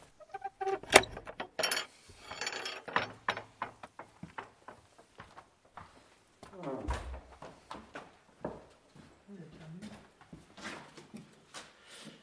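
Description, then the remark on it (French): A key jangles and works the door lock of a chapel, with a run of sharp metallic clicks, rattles and a heavier clunk, while voices murmur faintly now and then. “Vous avez la clé? Voilà. Non, d'habitude, ce n'est pas fermé.”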